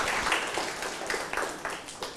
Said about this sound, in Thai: เศษ3ส่วน10เพื่อนๆคนอื่นคิดว่าอย่างไรครับถูกต้องครับปรบมือให้เพื่อนหน่อยครับ